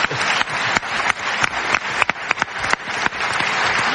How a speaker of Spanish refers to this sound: Bueno, pues casi un aplauso.